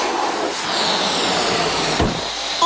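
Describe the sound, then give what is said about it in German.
Deflating balloons, blown up and released at the start of a race, rush and hiss as they fly, one zigzagging, a steady, fairly loud airy whoosh with a brief low flapping sputter near the end. No one speaks. “Menno, meiner fliegt im Zickzack. Ich glaube, meiner ist hinterm Schrank gelandet.”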